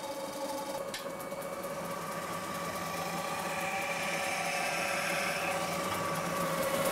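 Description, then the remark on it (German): A metal spinning lathe in a mobile workshop whirs steadily while a round sheet of 1.5 mm zinc is forced piece by piece over the spinning form, a continuous motor drone with faint scraping and thin squealing tones from the tool on the turning metal, no voices. “das runde Zinkblech an der Metalldrückbank Stück für Stück über die Drückform zwingen.”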